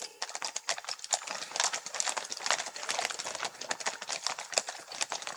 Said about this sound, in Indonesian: Kali ini jumlahnya lebih banyak dari yang sebelumnya, namun tetap ya kami mohon Bapak Ibu hadirin sekalian untuk tidak melakukan gerakan secara tiba-tiba saat pasukan kuda kawal belakang melintas di hadapan kita.